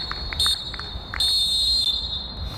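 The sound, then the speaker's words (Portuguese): A referee's shrill whistle ends a charity game played for the children of Marvila, sounding over a low background rumble: a short sharp blast, then a longer sustained one, its high piercing tone held steady throughout. “O apito toca, o jogo termina, olha-se para o placar e quem ganhou foram as crianças de Marvila.”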